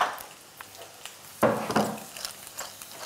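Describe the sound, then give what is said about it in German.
A soft clatter and scrape as food is placed back into a frying pan, with a louder burst of contact partway through over a faint steady sizzle, without talk. “So, und dann wieder zurück in die Pfanne.”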